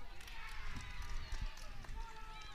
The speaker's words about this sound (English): Oh, there's some cheering.